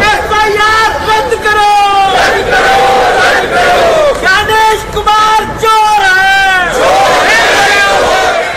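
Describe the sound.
A crowd of voices shouts slogans in unison, rising and falling in repeated rhythmic bursts, loud and continuous with a steady hum of noise beneath: INDIA alliance MPs protesting in the Parliament complex in Delhi, demanding the resignation of Gyanesh Kumar.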